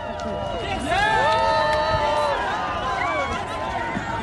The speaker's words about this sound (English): Toronto's annual Pride Parade was underway today, drawing crowds of partygoers as the city simultaneously basks in World Cup excitement. Now here's some of the crowd cheering as Prime Minister Mark Carney shook hands with people watching the parade.